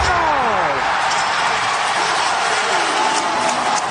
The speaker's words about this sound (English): Hear that crowd? Pretty loud, huh?